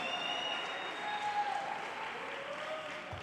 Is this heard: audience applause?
yes